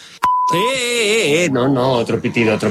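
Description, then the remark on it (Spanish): A sharp click leads into a steady, pure censor beep lasting about half a second, cut off as a loud voice with wavering pitch starts talking over it. “No, otro pitido.”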